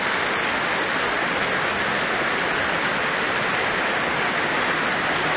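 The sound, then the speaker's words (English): Dense, sustained applause from a large audience after a choral concert with a 50-strong chorus, as the soloists take a bow, a steady wash of clapping that holds at an even level throughout with no voices standing out. “And alongside them now, for this rapturous applause, sopranos Ava Zytek and Janine DeBeek and bass baritone Florian Sturz.”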